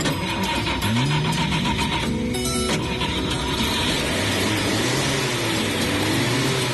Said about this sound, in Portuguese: Sejam bem-vindos ao nosso Chevetinho. Nos resta agora é colocar a chave na ignição e ligar o motor.